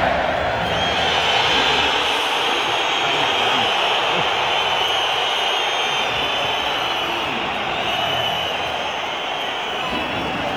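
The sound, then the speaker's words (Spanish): A large crowd of Atlético de Madrid fans at the Riyad Air stadium boos and whistles at Julián Álvarez in a loud, unbroken roar as the official stadium announcer names him, his faint voice buried underneath. “Aquí está el abucheo de la afición del colchonero.”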